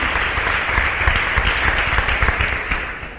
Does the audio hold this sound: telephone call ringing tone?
no